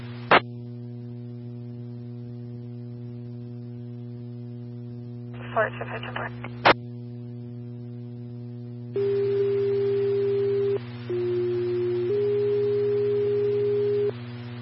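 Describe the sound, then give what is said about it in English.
Steady sustained radio dispatch alert tones for Farmington Engine 5 and Medic 5 sound over a constant electrical hum, with brief clicks and a burst of static midway. A second tone sequence then steps between pitches with hiss behind it. “Farmington Engine 5, Medic 5, tones for 6 patient, 1702 East 31st Street.”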